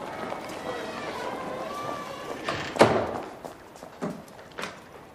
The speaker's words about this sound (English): At the bar, PT sits alone with a glass and a bottle of liquor. He glances over as one of the doors swings open, then closes.